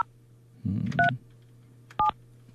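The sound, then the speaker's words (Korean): Two short electronic keypad beeps from a phone being dialed, spaced about a second apart, over a faint steady hum with a brief rumble of handling noise before the first tone; a radio host is phoning a listener who sent a challenge message through the app. “자, 이번엔 앱으로 듣고 계시는 분 가운데서 제가 한번 도전이라고 메시지 주신 분에게 전화 한번 해볼게요.”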